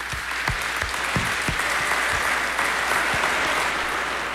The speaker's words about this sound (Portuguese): E Nossa Senhora merece uma salva de palmas, né, gente?